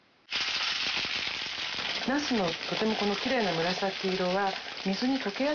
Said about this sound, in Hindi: इसके बाद एक पैन में 2 बड़े चम्मच तेल डालिए और पूरी सतह पर फैला लीजिए। फिर बैंगनों को कागज से सुखाकर छिलका नीचे की तरफ करके पैन में रखिए और मध्यम आंच पर हल्के से तल लीजिए।